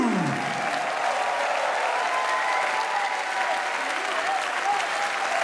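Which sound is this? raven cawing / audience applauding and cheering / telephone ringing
audience applauding and cheering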